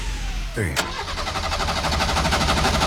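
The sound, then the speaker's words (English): A car engine that is out of fuel struggles to start, cranking over and over in a steady, rapid rhythm after a brief rising whir, loud and continuous throughout. “And he's struggling to start also.”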